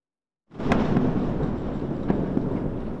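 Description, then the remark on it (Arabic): A deep, powerful explosion in southern Lebanon, an Israeli army blast at the Ali al-Taher heights aimed at Hezbollah tunnels, erupts suddenly and rolls on as a sustained low rumble with crackling debris, loud, its tremor recorded at about magnitude 4, with no voices present. “دوي هز جنوبي لبنان لم يكن كأي دوي عابر، بل ارتجاجات سجلتها هيئة المسح الجيولوجي الأمريكية بقوة تعادل نحو 4 درجات على مقياس ريختر”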